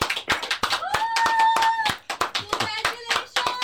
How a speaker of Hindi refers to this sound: ताली बज रही है. कौन है? ये ताली बजा रहे हैं सर. ये रिबन काटना था ना, मैं ये शोरूम का उद्घाटन था तो मुझे बुलाया था.